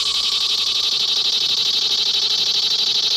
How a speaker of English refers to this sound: In the summertime, at dusk, did you ever hear a cicada?